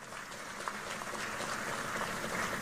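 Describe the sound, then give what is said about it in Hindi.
A crowd claps steadily for BJP candidate Kalita Majhi, dense overlapping applause holding at an even level for a few seconds with no voices above it. “कलिता जी के लिए ताली बजाओ जरा।”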